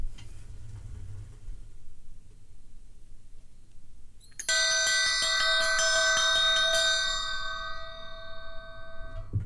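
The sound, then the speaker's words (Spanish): After a few seconds of low background rumble, a single bright bell rings out loud, struck repeatedly in quick succession, its shimmering tone sustaining and then slowly fading away. “Hemos escuchado tres campanas y ahora voy a hacer sonar una.”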